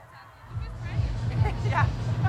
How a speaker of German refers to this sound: Ja, jetzt hören wir gerade nur Schreie von der Bühne Ost. Das ist die Frage, geht's da langsam mal los? Pfeifen und so weiter.